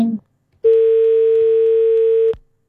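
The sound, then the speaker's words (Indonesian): A loud, steady telephone dial tone drones without a break for nearly two seconds after a listener's phone call cuts off, preceded by a brief fragment of voice. “Baik, terputus pendengar, kami masih ajak Anda untuk bergabung bersama kami di line telepon”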